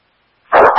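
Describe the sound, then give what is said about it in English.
After a moment of silence, a dog lets out a sudden, loud bark, sharp and abrupt, with no one talking. “Couldn't hear you over the dog.”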